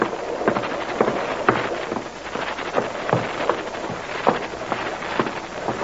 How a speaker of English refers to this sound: Haven't any lights, and this is a nasty night. Can't see 50 feet ahead. Wouldn't be so bad if it wasn't raining.